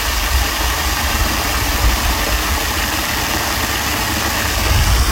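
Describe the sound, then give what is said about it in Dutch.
A waterfall in Park Bergenbos roars steadily and loudly, a dense unbroken rush of falling water with a deep rumbling undertone, holding constant throughout with no voices. “De waterval in Park Bergenbos.”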